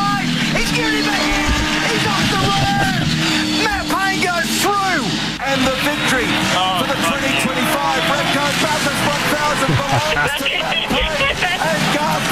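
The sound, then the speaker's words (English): Race car engines roar and whine continuously during the Bathurst 1,000-kilometre, 160-lap race, their pitch sweeping up and down as they rev and shift, loud, with a murmur of voices underneath. “Bathurst, the 1,000-kilometre, 160-lap epic.”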